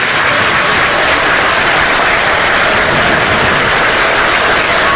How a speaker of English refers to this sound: Everyone standing here. Georgia fans clapping right now.